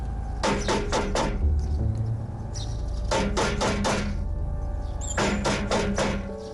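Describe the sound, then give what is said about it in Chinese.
Someone knocks firmly on the door of a home in three separate bursts of four or five quick raps, with short pauses between them over a steady low background hum; no one answers. “敲了几次门，屋内毫无动静。”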